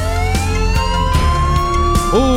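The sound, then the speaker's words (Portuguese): A loud emergency vehicle siren of firefighters, police and rescue services at work wails steadily with slowly rising tones, over a dense rumble of engine and traffic noise, with a few sharp clanks and an upward pitch sweep near the end. “Os bombeiros em ação. Polícia Rodoviária Federal, Polícia Rodoviária Estadual, CIAT, SAMU, as forças de salvamento, as forças de segurança, para mais um dia.”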